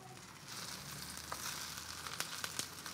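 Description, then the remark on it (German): Steady sizzle of small round cakes (Taler) frying in a pan, a dense crackling hiss with scattered sharper pops and spits, no voices. “Ich guck gerade, ob die irgendwelche festgeklebt sind oder ob sie alle schön sich von der Pfanne lösen.”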